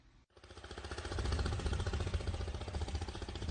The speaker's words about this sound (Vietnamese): Sáng sớm trên tuyến kênh nội đồng ở xã Vĩnh Bình, tỉnh An Giang, tiếng máy vỏ lãi rộn ràng, nối nhau xuôi dòng ra chợ.